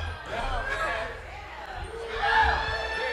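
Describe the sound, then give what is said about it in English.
A crowd yells and whoops loudly in a dense, sustained roar of many voices, swelling again toward the end over a low, rumbling thump. “I think they gonna kick us off unless y'all yell really loud.”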